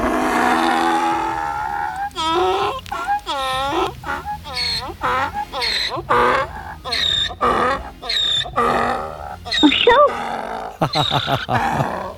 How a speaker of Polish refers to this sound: Zgadzam się, myślę, że to osioł.